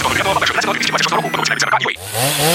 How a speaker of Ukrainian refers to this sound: Пилу берем і дриль берем